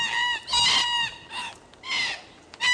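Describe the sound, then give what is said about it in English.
Red-tailed black cockatoos screeching from the trees: about five loud, harsh, strongly harmonic calls in quick irregular succession, some drawn out and some shorter, with no voices. “I love the sound of red-tailed black cockatoos screeching from the trees.”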